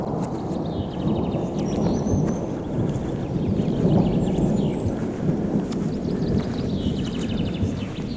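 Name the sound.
thunderstorm rumbling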